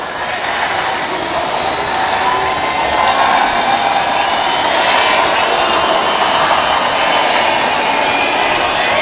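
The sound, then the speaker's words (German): About 15,000 ravers sing Happy Birthday together to techno artist Amelie Lenz, merging into a loud, steady wash of crowd voices that fills the whole stretch, with the melody smeared into a constant roar. “Zu hören waren 15.000 Raver, die gleichzeitig der Techno-Queen Amelie Lenz ein Geburtstagsständchen geträllert haben.”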